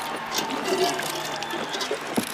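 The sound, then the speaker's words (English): A boxer sitting in the corner between rounds spits out water in a short, wet splatter against a noisy, crowded background, with a sharper splash near the end. “Here, drink, drink. Spit.”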